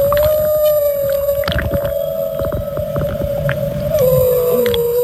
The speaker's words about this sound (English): No. It's a humpback whale, but that's okay. It's a humpback.